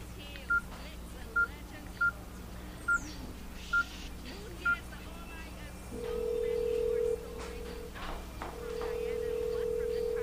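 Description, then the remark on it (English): A phone number is dialed: six short, evenly spaced keypad beeps, then a steady, low ringback tone sounds in two long stretches with a gap between them. “Look, let me call she now.”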